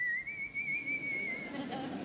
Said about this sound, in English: The louder you whistle, the further the boogeymen stayed away. No tune, just...